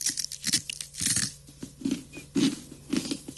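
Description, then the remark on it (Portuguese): Crisp crunching of someone chewing a crunchy fried snack from Niger, heavily seasoned with pepper, with a steady series of loud crackling bites and brittle breaks, no talking. “Crocante, né? É crunch, é.”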